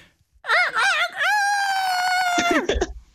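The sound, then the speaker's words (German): A person imitates a rooster crowing, loud: one call that warbles at the start, stretches into a long held note, then drops off abruptly. “Wenn ich keinen Hahn habe, darf ich auch selbst krähen?”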